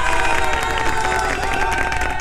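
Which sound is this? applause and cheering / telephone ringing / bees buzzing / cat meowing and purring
applause and cheering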